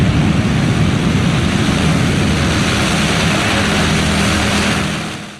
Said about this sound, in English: Okay, I've never quite felt the ground shake like that while filming an airliner taking off. It honestly sounded more like a fighter jet in that moment than anything else.